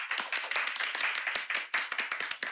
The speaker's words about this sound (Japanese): はい、ありがとうございます、はい、控えめながらも心のこもった拍手をいただきましてね、